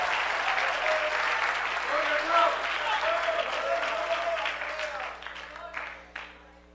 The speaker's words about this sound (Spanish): aplauso a Dios.